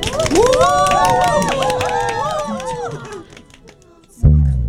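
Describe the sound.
A group claps steadily while voices cheer and whoop over the applause. The clapping fades out near the end, followed by a sudden loud, low-pitched burst.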